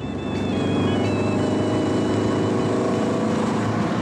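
An open-top car's engine drones loudly and steadily during a test drive, a rough low rumble with a faint high whine near the start, running continuously with no voices.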